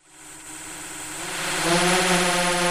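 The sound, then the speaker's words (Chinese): A field-patrol drone's rotors whine and hum steadily, growing louder over a few seconds as it lifts off and climbs to survey rice paddies, checking crop growth, weeds and water shortage, with no voices. “另一套巡田无人机上了天，水稻长势，哪里长草，哪里缺水，飞一圈全看清了。”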